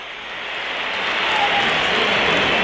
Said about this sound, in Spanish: Pitos para Chouameni.